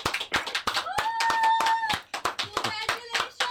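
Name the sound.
people clapping hands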